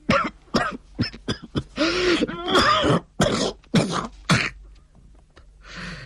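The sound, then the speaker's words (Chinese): A loud fit of coughing from an old man with a severe internal injury: a rapid series of harsh hacks, with longer strained, throaty coughs in the middle, tapering to a quieter wheezy breath at the end. No talking. “这一瞬间他的脸色又恢复了苍白了，接着又是一阵咳嗽。”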